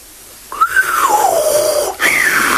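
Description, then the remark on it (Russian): A genie whistles: a clear whistle that glides up, then slowly slides down, followed by a second rising whistle after a brief break. No talking. “Свистнул джин.”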